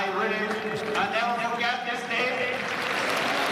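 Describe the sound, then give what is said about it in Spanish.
A crowd of FC Barcelona fans applauds steadily throughout at the presentation of coach Hansi Flick, a dense wash of clapping while a voice speaks in English over it through amplified sound. “Aplaude la gente.”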